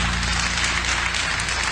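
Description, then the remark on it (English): A church audience applauds as a hand clap of praise to the Lord, many hands clapping at once in a dense, loud wash of sound that carries on without a break. “I'm going to give the Lord a hand clap of praise.”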